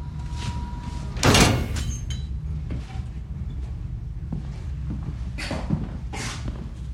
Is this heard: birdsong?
no